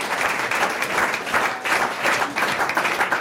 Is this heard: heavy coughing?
no